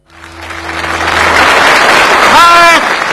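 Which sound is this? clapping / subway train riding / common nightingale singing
clapping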